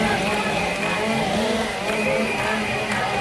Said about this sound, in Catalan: Tot i que el so dels motoserres camufla els càntics, els participants han clamat durant tota la marxa: bombers forestals són fonamentals.